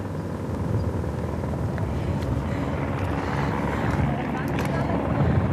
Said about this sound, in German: Also, am Hubschrauber hängt jetzt wahrscheinlich ein Luftretter. Ja, ziemlich sicher ein Luftretter. Es hängt jemand dran. Ja, und wir sehen jetzt gerade, wie sie die Person ablassen.